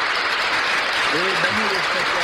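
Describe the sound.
Steady, dense applause for someone who is going to the Vatican fills the whole stretch, a continuous hiss of many hands clapping, with a voice starting to talk over it about halfway through.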